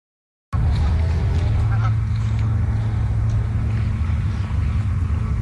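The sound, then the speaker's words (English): Several goose honks at Powell Beach in the District of Summerland break through a steady, heavy outdoor rumble, like wind or passing traffic, which stays loud throughout while the calls remain faint and scattered. “The District of Summerland is taking on a new tactic to keep geese away from their beaches.”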